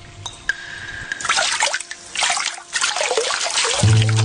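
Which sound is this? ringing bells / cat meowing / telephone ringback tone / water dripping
water dripping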